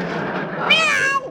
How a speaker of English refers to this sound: Oh, excuse me, Aesop. I didn't mean to step on your tail. Now, Scat Cat, scram, go, outside.